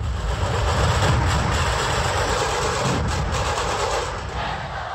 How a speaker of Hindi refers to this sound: 4000 से ज्यादा ढोल ताशे जब एक साथ बजे तो इस जोशीले संगीत ने विश्व कीर्तिमान बना दिया है। नागपुर में इन ढोल ताशों की गूंज जमीन से लेकर आसमान तक सुनाई दी। रविवार का दिन नागपुर में इन ढोल ताशा ग्रुप के नाम रहा।